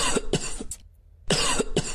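A played recording demonstrating a dry cough: loud, harsh coughing in two bouts, each a quick run of hacking coughs, separated by a short silent pause. No one speaks.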